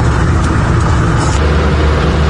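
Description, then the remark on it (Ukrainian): A police evacuation car speeds along a road through front-line villages in Zaporizhzhia region, Ukraine, carrying evacuees; its engine and tyre roar loud and steady with a deep low rumble throughout, continuous with no voices. “Попри смертельну небезпеку, дорогами мчить евакуаційний автомобіль.”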